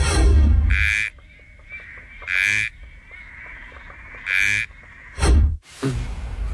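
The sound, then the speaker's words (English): A frog calls in loud, repeated bursts, roughly five harsh croaking pulses spaced a second or two apart, standing out clearly against a quieter background hum. “Here is your first frog.”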